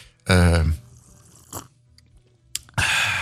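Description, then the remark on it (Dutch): Loud slurping of hot coffee: a wet, gurgling pull followed by a brief sucking sound and a final airy, hissing slurp. “Je wilt toch een vieze koffieslok?”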